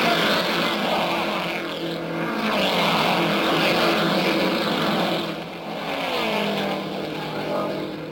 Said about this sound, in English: And there they go, those buffeting, bouncing big cars of the racing world.